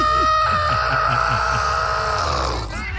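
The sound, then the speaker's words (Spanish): A voice imitates a chicken having its neck grabbed: one strained, raspy, high-pitched squawk held for about three seconds, loud, fading slightly at the end. “Como cuando le agarran el pescuezo a la gallina.”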